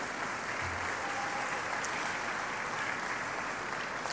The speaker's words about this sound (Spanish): Y rendimos homenaje a quienes dedicaron también una vida entera a enseñar, y que aquí hay muchos en Ciudad Madero, como son los maestros jubilados, maestras y maestros jubilados. Un fuerte aplauso para ellos también.